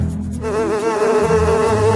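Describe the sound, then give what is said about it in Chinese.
A dense swarm of bees drones steadily and loudly for the whole stretch, the buzzing wavering and overlapping with no pauses and no voices. “蜜蜂们好像受到那个黑影指挥一样，让出了一个缺口，让达海走出来。”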